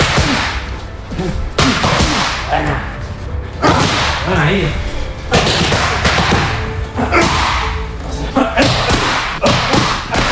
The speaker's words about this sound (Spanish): Este es el sonido. Así suenan los puñetazos de Topuria cuando entrena con Climent. Uno, dos, paro, uno, dos, paro, uno, junto.